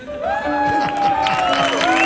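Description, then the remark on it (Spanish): A TV show audience bursts into applause for Pocholo of a band, mixed with loud cheering and whooping voices, a dense, steady wash of clapping that holds for about two seconds. “Fuerte aplauso para Don Pocholo ….”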